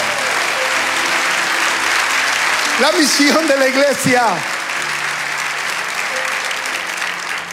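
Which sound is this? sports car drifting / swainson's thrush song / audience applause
audience applause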